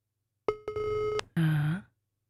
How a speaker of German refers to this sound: dann rufen wir doch mal beim Dominik an